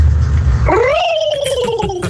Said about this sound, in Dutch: Ja, ja, ja. De pauw. Oh. Ja! Zo! Die is goed!